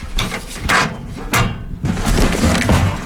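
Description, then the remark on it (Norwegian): A paper newspaper drops into a mailbox in the morning: a few sharp, clattering knocks of a metal flap, followed by a steady rustling, scraping shuffle of paper and mechanism with no voices. “Postkassa på avis!”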